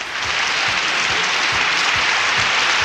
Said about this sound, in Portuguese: E pra ela, aplausos!